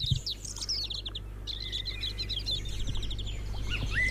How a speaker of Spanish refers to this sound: Esta maravilla que escucháis es hoy la sintonía del programa. Están escuchando ahora mismo mirlos, canarios, jilgueros, pinzones, verderones.